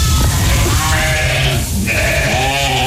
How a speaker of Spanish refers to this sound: Yo estoy en la Sierra de Cazorla, Segura y la villa, que se llama Pontones. Yo tengo ovejas. Vamos a escucharlo.